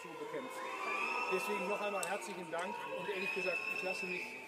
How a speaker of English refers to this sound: He made an appearance in the small western town of Guy to thank emergency workers for their efforts in battling a large wildfire last week. And here, quite clearly, you can hear the crowd booing him.